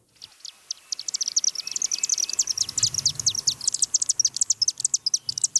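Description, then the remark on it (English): A dense flurry of high, rapid chirps and twitters from chimney swifts, a bird species at risk across Canada, with many calls overlapping and growing busier, a faint low rumble underneath and no voices. “Not just any old chimney, but a roosting site for chimney swifts, a bird species at risk across Canada.”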